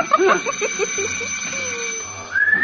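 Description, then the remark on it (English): A thin, clear whistle from someone arriving at the house glides in a long steady note, then sweeps upward in a brighter, higher tone at the end, following a few short tonal chirps at the start. “Oh, that his whistle?”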